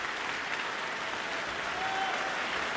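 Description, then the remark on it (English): Sustained, dense applause from a large concert audience after Elgar's Cello Concerto in E Minor with soloist Sheku Kane Mason, conductor Paavo Järvi and the Chicago Symphony Orchestra, many hands clapping steadily at an even level, calling the soloist back for an encore, with no voices standing out. “And with that hearty applause, the audience calls Sheku Kane Mason back for an encore.”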